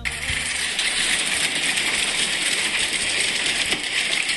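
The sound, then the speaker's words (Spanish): Hail pelting down in Belville, having started suddenly, in a dense, steady clatter, countless hard little impacts rattling and ticking at once over a loud hiss, with no voices, unbroken for the whole stretch. “Sí, acá me están mandando a videos, granizo en Belville, empezó en seco, a ver.”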